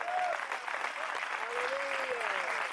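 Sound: audience giving loud applause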